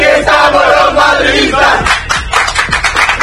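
Real basketball fans chant loudly together aboard one of the buses taking them to OAKA, a sustained wall of voices that breaks into rhythmic, punchy bursts like shouted beats and claps.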